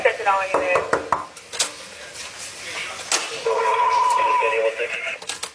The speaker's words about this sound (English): It's around 1 a.m., March 13th. Miami Beach police make their way into the Mondrian South Beach Hotel and up to the 11th floor. The first knock goes unanswered seconds later.